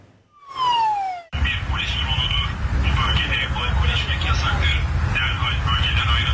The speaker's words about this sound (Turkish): Havadan kontrol yapıldı. Sur diplerinde kamusal alanda alkol alanlar tespit edildi. Polis dronla böyle sesli uyarı yaptı.